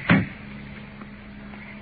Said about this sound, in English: He's got the car door locked on both sides. Let's open the door.